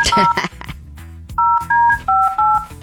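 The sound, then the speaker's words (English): A quick sequence of telephone touch-tone dialing beeps, each a short steady dual-pitched tone, about five in a row with brief gaps, heard over a low background murmur. “Okay, let's get him on the line.”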